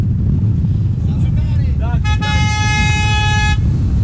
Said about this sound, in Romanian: Și de pe străzile secundare vin claxoane care se unesc cu principala.